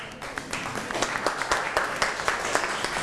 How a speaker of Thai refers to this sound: ครูก็เป็นกำลังใจให้นักเรียนอ่ะปรบมือให้กับเพื่อนหน่อยครับ